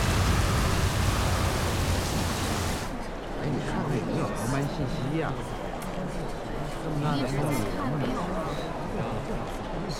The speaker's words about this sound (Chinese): 我们今天要不先不走吧，今天这天气太可怕了。 这打雷下雨，飞机上的人真的要吓死了。